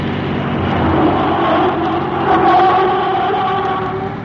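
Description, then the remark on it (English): A car engine roars at high revs as the car speeds up a winding hill road, its loud, steady drone rising in pitch as it accelerates hard, with no voices over it. “We'll see if this car of your mother's is as good as it looks.”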